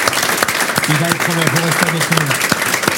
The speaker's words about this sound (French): Je vous propose un applaudissement